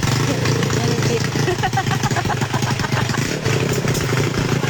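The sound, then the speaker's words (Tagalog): A homemade vehicle built with a motorcycle engine runs steadily, its loud, rough idle clattering continuously throughout, with people talking faintly in the background. “Ayan na guys, pinapatakbo niya na ang kanyang DIY.”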